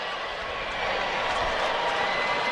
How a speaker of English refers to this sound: I hear some cheering. Are they starting the wave? I believe that. You can always tell when the wave's coming. There's some people getting really excited about that.